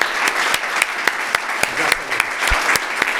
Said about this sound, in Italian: Bravo, un applauso a tutti voi.